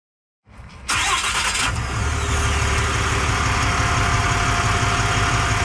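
A resident's pickup truck engine cranks and catches after a moment of silence at the start of a neighbourhood patrol, then settles into a steady rumbling idle with a faint vibrating hum.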